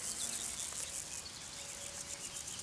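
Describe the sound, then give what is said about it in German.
A steady, high-pitched buzzing chirr of grasshoppers fills a meadow, many insects overlapping in a continuous, slightly pulsing drone, fairly quiet with no voices. “Schmetterlinge, Heuschrecken und Spinnen vermehren sich nur auf Wiesen, die schonend behandelt und nur einmal im Jahr im späten Herbst gemäht werden.”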